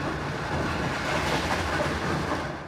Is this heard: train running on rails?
yes